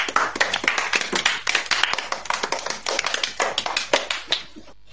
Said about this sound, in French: Bravo les amis, vous êtes formidables. Applaudissez-vous.